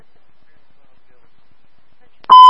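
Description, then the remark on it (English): After a stretch of near silence, a loud, steady radio dispatch alert tone abruptly sounds at the very end, a bright buzzing beep with rich overtones that cuts in sharply. “We'll buzz.”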